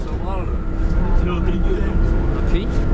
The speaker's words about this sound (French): Bon, alors là, nous quittons le lycée Bonnefonds, on est dans le bus et on part pour Vieille-Brioude voir un couple de maraîchers.